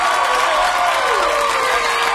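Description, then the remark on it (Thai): A steady burst of loud applause on the Green Wave radio show, dense crackling clapping from a crowd that holds at an even level for a couple of seconds, with faint cheering voices woven through it. “ปรบมืออีกทีดีกว่ามา”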